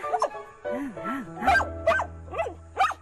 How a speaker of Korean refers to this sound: 오, 안 돼. 왜 으르렁해? 한 번씩 으르렁해요.